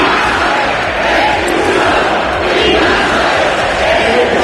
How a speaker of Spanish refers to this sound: Entre los manifestantes, gritos de Ceuta no se vende, Ceuta se defiende, también insultos al presidente del gobierno y peticiones para que se expulse a los migrantes.